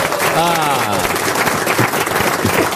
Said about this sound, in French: qui a compris par applaudissement? Et ça nous fait plaisir.